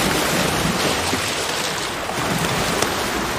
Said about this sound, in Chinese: 狂风持续了一整夜，汹涌的海浪不断冲击着港海豹的上岸点。